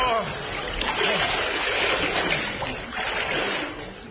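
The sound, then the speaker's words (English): A horse makes a big, heavy splash into deep water, followed by several seconds of loud churning and sloshing, steady, with a faint murmur of voices underneath. “My horse can only swim on his back.”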